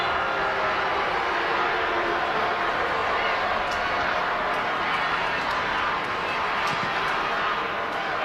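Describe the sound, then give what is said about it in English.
A large stadium crowd of Royals fans roars and jeers at a yellow card given against Paige Cronin for a foul, in a steady, loud wash of voices for several seconds, with no single speaker standing out. “Hear what the Royals crowd thinks of that.”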